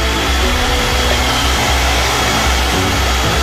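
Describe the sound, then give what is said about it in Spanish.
A loud, steady motor whir runs continuously with a broad buzzing hum, unbroken, as an electric mixer whips cream in a bowl until it is firm with small peaks, with no voices over it. “colocar la crema batida en un bowl y con mucho cuidado batiremos hasta que nuestra crema esté firme y con algunos piquitos.”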